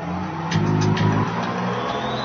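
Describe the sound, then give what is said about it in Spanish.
A bus engine rumbles low and steady at night, swelling briefly as it strains to pull away, with a few faint mechanical clicks and a hiss riding over the drone. No one speaks. “El pastor Weiss se sentó mientras el autobús comenzaba a andar.”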